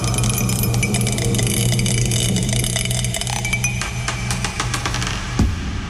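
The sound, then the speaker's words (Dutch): A small die spins and rolls across a hard surface, giving off a rapid run of light clicks and rattles over a steady low hum, then settles with a soft knock near the end, landing on four. “Oh, hij is aan het tollen, dat dobbelsteentje. Hij tolt.”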